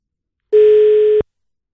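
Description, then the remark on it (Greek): A telephone line tone during a contest call attempt on radio station 92.9 Kiss, with no line on the second attempt: a single steady, flat mid-pitched beep lasting under a second sounds clearly and loudly on its own, then cuts off abruptly into silence. “Δεν έχουμε γραμμή ούτε στη δεύτερη προσπάθεια. Συνεχίζουμε με την τρίτη.”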